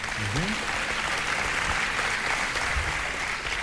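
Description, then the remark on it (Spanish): A live audience claps steadily for several seconds on a live recording, a dense, even wash of many hands. A brief low tonal sound rises near the start, and faint voices may be mixed into the crowd noise. “¿Escuchó los aplausos del público?”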